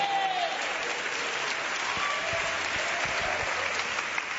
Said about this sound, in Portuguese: Quem pode aplaudir a Jesus e dar glória a Deus?